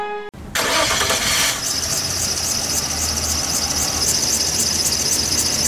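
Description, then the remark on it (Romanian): A car engine cranks over and over in a steady, rhythmic churn with a high whining squeal, never catching and settling into a running idle. Fairly loud, with no talking. “Of, te-a găsat mașina din nou.”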